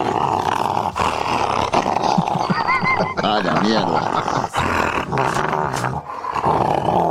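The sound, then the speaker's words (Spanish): A female dog growls and snarls loudly and almost without pause, baring its teeth, with rough, rising snarls in the middle; a man briefly speaks over it. “Y ese muestra los dientes, ¿no? Claro, es una perra.”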